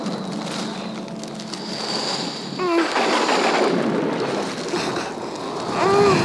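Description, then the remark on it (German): Strong, stormy wind roars steadily as a broad, rushing noise that swells louder toward the end, with a couple of brief high whistling tones cutting through. “Das hört nicht auf. Oller Wind.”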